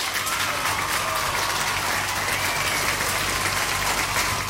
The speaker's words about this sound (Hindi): और जवाब जो भेजा है मुझे बिल्कुल सही भेजा है, तो तालियां बजेंगी यहाँ पे।